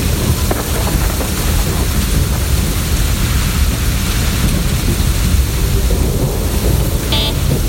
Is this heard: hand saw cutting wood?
no